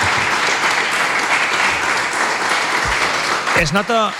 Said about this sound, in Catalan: Un aplaudiment, no?, per als nostres